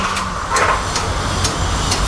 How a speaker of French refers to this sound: Puissante la soufflerie de la métropole, c'est pas de la gnognotte.